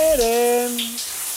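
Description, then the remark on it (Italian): Shower water runs with a steady hiss while a voice sings a sustained, gliding note over it. “Le canzoni sotto la doccia.”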